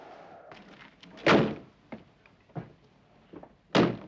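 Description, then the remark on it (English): Two heavy ambulance doors slam shut, one after another, after a body is loaded into the back, with a few softer clunks and knocks in between, against a faint outdoor background. “The ambulance doors are closed”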